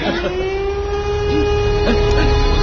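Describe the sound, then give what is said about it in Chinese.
An air-raid warning siren sounded for a civil defence drill in Guiyang holds a steady, sustained mid-pitched wail for the whole stretch, with a faint higher overtone and low rumbling background noise beneath it. “防护演习又开始了， 这几天天天拉警报，不用管他。”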